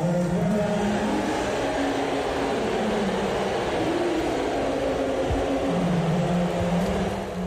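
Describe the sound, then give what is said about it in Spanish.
A packed Madison Square Garden crowd of New York Knicks fans boos and whistles at Donald Trump at the third game of the finals, a loud, unbroken wall of noise for several seconds, with droning low jeers rising and falling throughout and no clear speech. “Y escuchad la pitada que se llevó por parte de los aficionados de los New York Knicks.”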